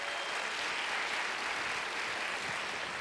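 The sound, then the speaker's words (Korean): Steady audience applause at a concert after a performance, a dense wash of many hands clapping at an even level throughout, with no voices heard. “다시 한번 큰 박수 보내주시죠.”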